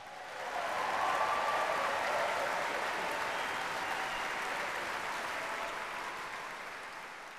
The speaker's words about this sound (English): And to help us with that, let's give a big welcome round of applause for the Mendelssohn Choir of Pittsburgh.